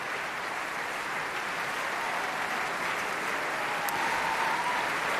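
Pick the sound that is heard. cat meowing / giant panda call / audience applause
audience applause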